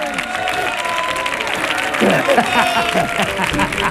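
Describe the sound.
Steady audience applause fills the whole clip, a dense, even clatter of many hands, with voices calling out and chattering over it, growing slightly louder toward the end.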